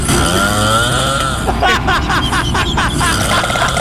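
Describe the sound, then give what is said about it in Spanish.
Loud, harsh snoring that growls and rasps like a chainsaw revving up, with a steady rough rumble breaking into quick rhythmic sputtering pulses. “Está roncando, se le metió el diablo.”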